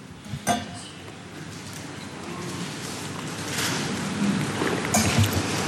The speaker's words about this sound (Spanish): La comparecencia en el Palacio de la Moncloa de Pedro Sánchez, después de su encuentro con Emmanuel Macron. Sánchez, que tomaba un poquito de agua.